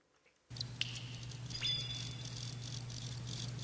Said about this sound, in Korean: 이게 귀뚜라미라고요?